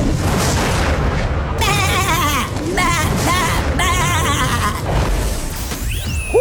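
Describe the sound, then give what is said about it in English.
A voice does a wavering, sheep-like bleat in several quivering bursts over a loud, rumbling background of booms and crashes that fills the whole stretch. “That's my impression of a sheep or a man finding out his wife is leaving him.”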